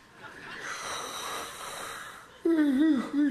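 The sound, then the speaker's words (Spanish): A person mimics a big, old-style yawn of a bored bass drummer: a long, airy intake of breath followed by a loud, wavering vocal groan that dips and trails off. “Y cuando iba dando la vuelta así ya para la coronación, pues es que se aburre el bombisto y mete un bostezo de eso como de los de antes.”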